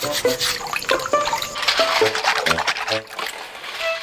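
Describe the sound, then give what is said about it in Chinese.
Shells of zhuzai luo sea snails, part of a seafood catch, being scrubbed clean in water: steady splashing and sloshing with bright brushing scrapes, plus hard clicks and knocks of shells bumping together throughout. “会长一些寄生一样的啊，就是微生物，所以呢，我们要把它要刷干净。”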